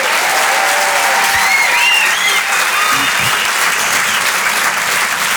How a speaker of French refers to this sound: Je suis la seule femme du plateau. C'est quand même sympa, ça s'applaudit quand même, ça.